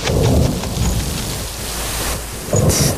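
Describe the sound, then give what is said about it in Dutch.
Steady rain pours down with a broad hiss while deep thunder rumbles low beneath it, swelling near the start and again at the end. No one speaks. “Gaan jullie snel naar binnen. Het gaat regenen.”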